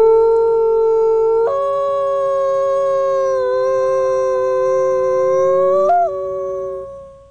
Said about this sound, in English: You know, I think we actually have a recording of a gray wolf howl. Let's hear it.